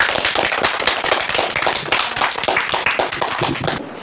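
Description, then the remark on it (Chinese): A crowd of students applauds steadily for about four seconds in thanks to a teacher, a dense, even wash of many hands clapping, with no voices over it. “那同学们，也让我们再次把感谢的掌声送给我们的”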